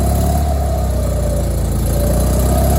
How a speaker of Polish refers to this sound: Ten silnik oczywiście. Za chwileczkę trochę wyższe obroty zrobimy, żebyście mogli bardziej rozpoznać silnik.